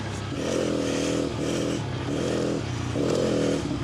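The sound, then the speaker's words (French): A motorcycle engine drones steadily on its first lap of an ice track, its pitch rising and falling in repeated surges as the rider works the throttle while the bike slides about, with a gritty scraping texture underneath and no talking. “Normalement, la moto elle bouge de partout.”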